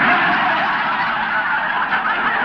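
A loud, dense chorus of ducks quacking and honking continuously, many calls overlapping for a few seconds, with no speech.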